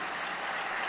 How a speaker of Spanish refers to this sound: Sí, te aplaudimos, papá.